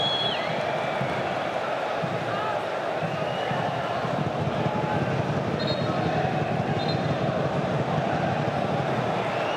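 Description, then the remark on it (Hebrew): The local crowd at a football match murmurs steadily because new signing João Victor is about to come onto the pitch, a dense, even rumble of many voices blending together for the whole stretch without any single voice standing out. “כן, אם שמעתם רחש ככה אצל הקהל המקומי, אז זה בגלל שתכף הם יראו על המגרש את שחקן הרכש החדש, ז'ואאו ויקטור.”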